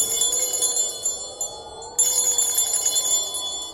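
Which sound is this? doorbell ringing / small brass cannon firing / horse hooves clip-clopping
doorbell ringing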